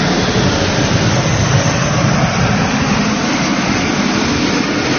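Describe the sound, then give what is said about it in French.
A loud, continuous roar of the Patrouille de France's Alpha Jet aircraft passing overhead above Nice, a dense rushing engine noise that stays steady throughout, with no voices. “Et Emmanuel Macron, on les voit arriver. Ils arrivent au-dessus de nos têtes. Vous devez les entendre.”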